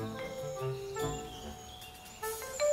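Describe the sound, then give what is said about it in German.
Bees hum and drone steadily, a layered buzzing that swells a little near the end, with soft outdoor garden ambience and no one speaking. “Bienen summen hier neben dem seltenen Schwalbenschwanz.”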